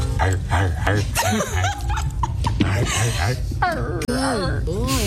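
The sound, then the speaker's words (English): Drake imitates a dog barking on a live-streamed dating show after a US streamer asked him to bark for her, in a series of loud, pitch-swooping yelps and howl-like cries, mixed with laughter-like bursts over a busy background. “Und dabei war auch eine US-Streamerin und die hat Drake mal gefragt, ob er für sie bellen kann. Ja, bellen.”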